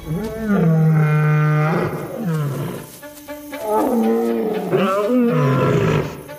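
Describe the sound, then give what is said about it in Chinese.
Several deep, drawn-out roars from a pride of lions overlap and swell in the darkness, loud and resonant, with a brief rough pause midway before more roars rise again. No one speaks. “狮子震耳欲聋的咆哮回荡在黑暗中，打破了非洲象群的安宁，使他们纷纷陷入恐慌。”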